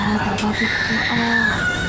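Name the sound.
baby crying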